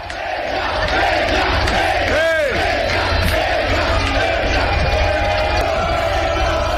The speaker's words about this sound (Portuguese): e eram justamente eles, os vascaínos, que acompanhavam o time hospedado no mesmo hotel para o jogo de ida da semifinal da Copa Sul-Americana. Amanhã, contra o Boca, a bola rola. Vamos ouvir um pouquinho da torcida.